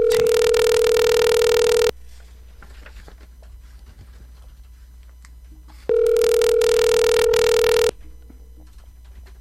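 A telephone line rings twice: two loud, steady buzzing ringback tones about two seconds each, separated by a long quiet pause with faint line hiss. No one speaks.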